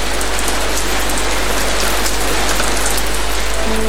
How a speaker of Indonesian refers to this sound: Perubahan cuaca yang tidak menentu membuat kita harus siaga di setiap kondisi cuaca, termasuk hujan yang mendadak. Hujan yang tiba-tiba terjadi dengan intensitas yang tidak menentu seringkali mengganggu aktivitas harian kita